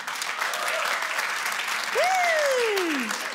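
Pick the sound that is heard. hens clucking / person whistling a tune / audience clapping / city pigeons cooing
audience clapping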